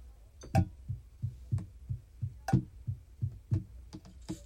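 Steady, rhythmic, enthusiastic knocking from outside, a series of low thuds at an even pace with a few sharper, louder raps mixed in, forming a beat-like pattern with no voices.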